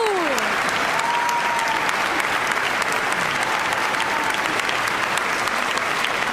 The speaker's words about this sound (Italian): Un applauso di quelli che devono arrivare lassù.